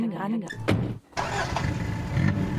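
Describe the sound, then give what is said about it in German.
A car engine hums steadily from inside the vehicle as it drives along Kastroper Straße in Bochum, a low continuous rumble with a brief dip partway through, while a voice talks over it. “Und ich sitze nun im Auto und fahre zu einer Band, die es auch schon 40 Jahre gibt.”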